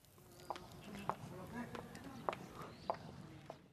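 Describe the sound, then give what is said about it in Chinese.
High-heeled shoes click across stone at a steady, unhurried pace, six crisp taps with a slight ringing echo, fairly quiet against a soft ambient murmur, in the Ming-style Baijianlou quarter beside the old canal in Nanxun town, China. “高跟鞋的脚步声如同穿越时空的隧道，发出清脆的混响。”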